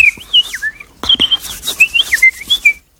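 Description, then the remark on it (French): Someone whistles a quick run of short, twittering chirps in imitation of sparrows returning into bamboo at nightfall to find a place for the night, fairly loud, with brief pauses between bursts and no talking. “Et j'écoutais les moineaux qui rentraient dans les bambous, là, qui allaient chercher une place pour la nuit.”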